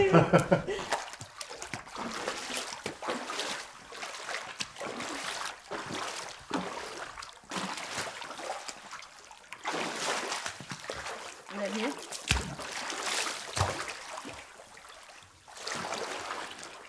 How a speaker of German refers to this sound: Das klingt toll, dadurch, dass wir keine Ränder haben und keine Fliesen. Hat man nicht diesen typischen Pool-Sound? Also es klingt halt tatsächlich nach offenem Wasser. Und ja, genau so wie erwartet.